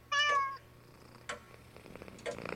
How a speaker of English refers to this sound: Oh, and here is my kitty.